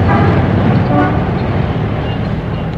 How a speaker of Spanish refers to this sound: Sentados cómodamente ante las mesillas situadas al aire libre, contemplaban el intenso tráfico, el ir y venir incesante de los transeúntes.